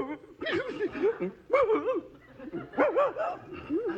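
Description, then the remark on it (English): An upset St. Bernard dog named Herman barks and whimpers in an agitated way, letting out several loud bursts of wavering, whining yelps and woofs with short pauses between them. “This St. Bernard is as intelligent as I am.”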